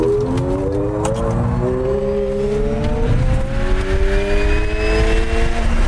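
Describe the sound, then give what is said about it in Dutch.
An electric Ferrari Luce sports car accelerates hard, its motor tone climbing steadily in a smooth rising whine over a rumbling road noise, loud throughout, with no engine growl and no voices. “Ja, het gaat snel, maar het is wel de afwezigheid van gegrom natuurlijk die het hem doet.”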